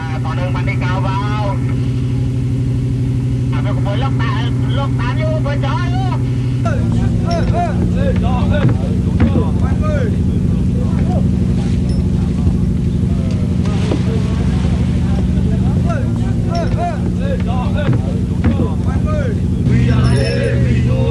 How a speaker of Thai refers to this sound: เรือเกียรติเจริญชัย25ออกจับปลาในหน้าน้ำอันดามัน